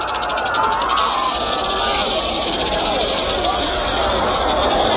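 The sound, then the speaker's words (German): Venomous snakes crawling all through a camp hiss continuously and fairly loudly for the whole stretch, a dense, steady sibilant wash with faint murmuring voices underneath. “Giftige Schlangen krochen überall durch das Lager.”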